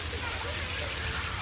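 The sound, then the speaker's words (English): Rain starting to fall, then a steady, continuous, even hiss of drops with no breaks, moderately loud, with a low rumble underneath. “Oh, it's starting to rain.”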